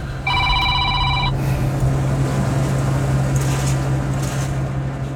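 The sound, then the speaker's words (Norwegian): A phone rings once with a short, bright, warbling electronic tone lasting about a second, over a steady low mechanical hum that continues after the ring stops. It is another call from a worried grain farmer during the harvest. “Nei, nå ringer det igjen.”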